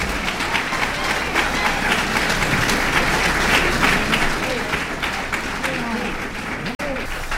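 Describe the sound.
A large audience applauds steadily for a musician at a jazz performance, dense overlapping clapping filling the whole stretch at a strong, even level, with faint crowd voices mixed in and a brief dip near the end.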